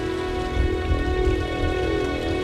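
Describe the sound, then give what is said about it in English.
Heavy rain pours down in a storm in a steady, dense hiss, with low rumbling gusts underneath and a faint droning tone. No one speaks. “And I do love a storm to batter me about.”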